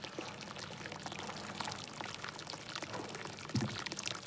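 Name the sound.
hot spring water pouring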